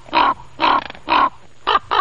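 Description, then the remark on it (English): A raven gives five hollow, croaking quork calls, three evenly spaced and then a quicker pair, loud with no other sounds. “Ravens, they make those wonderful hollow kind of quirking sounds.”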